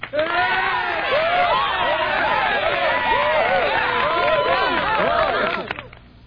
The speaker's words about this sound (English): Oh, should I play some a little applause for her? You bet.